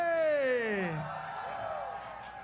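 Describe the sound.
A loud voice lets out a long, falling shout, then gives way to a steady wash of crowd cheering and clapping for a rock band, holding at a fairly even level.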